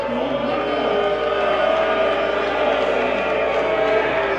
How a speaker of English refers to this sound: Now, what's happening now? There's something else that the fans are booing about.